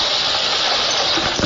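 Drizzling rain at a wildlife refuge at 10 a.m. on September 4, at 44 degrees Fahrenheit, makes a steady, even hiss that fills the whole moment without pause, with a faint spattering flicker near the end and no voices.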